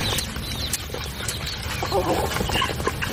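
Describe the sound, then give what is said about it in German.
A few chickens cluck and cackle in a busy farmyard, their short calls scattered over a steady background of rustling and animal noise, moderately loud. “So, direkt ein bisschen entspannter, so ein paar gackernde Hühner, oder?”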